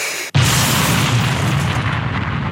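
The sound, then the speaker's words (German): A person imitates an explosion with their mouth, with dentures set crooked in the mouth: a sudden loud burst of rough, noisy breath that rumbles on for about two seconds before fading slightly, with no words spoken. “Das klingt doch wie eine echte Explosion, oder ne?”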